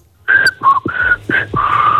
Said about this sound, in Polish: A, wiesz co za melodię, co pani zagwizdała? Nie wiem. No jak nie wiesz? Słuchaj tego jeszcze raz.